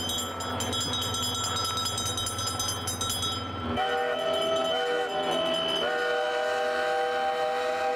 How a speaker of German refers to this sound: Wenn das Schiff eintaucht ins Wasser, dann geben wir Signal mit unserem Typhoon.